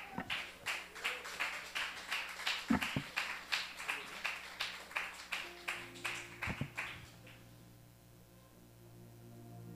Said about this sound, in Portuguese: Aplauda, aplauda a presença de Deus. Aleluia. Aplauda mais forte, é para Jesus.